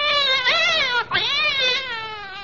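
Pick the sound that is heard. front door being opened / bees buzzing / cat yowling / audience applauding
cat yowling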